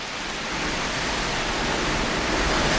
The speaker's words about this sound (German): hörst du den Sturm? Das knarrt ja im Gebälk, als wenn das ganze Haus einstürzen würde.